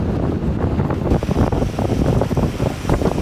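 Rough sea water surges and splashes continuously, loud, with heavy wind buffeting the microphone throughout, as swells run high after a recent change in the weather. No voices are heard.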